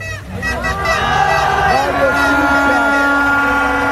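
Car horns honk in long, overlapping blasts over a noisy street crowd, blaring steadily and loudly for the whole stretch, outside the Ecuadorian national football team's hotel at 10:50 at night, where Mexican fans have gathered.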